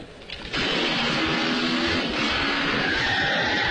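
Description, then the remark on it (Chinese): A motorcycle engine, as a German soldier jumps on it to flee during a chase, suddenly roars up after a brief quieter moment, then holds a loud, steady revving drone with a rough, gritty edge until the end. “霍克曼脑梦中之别，急忙跳上摩托车逃命。”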